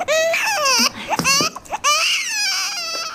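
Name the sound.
baby crying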